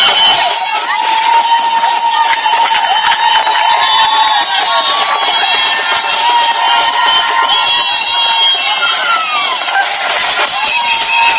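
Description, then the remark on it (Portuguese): A large crowd at Praia International Airport, Cabo Verde, cheers and shouts continuously to welcome the national football team, the Tubarões Azuis, after the 2026 World Cup, a loud, dense wash of many voices with whistles and high-pitched calls over the steady roar. “Uma enorme multidão esteve esta manhã no Aeroporto Internacional da Cidade da Praia para receber os Tubarões Azuis após a participação no Mundial 2026.”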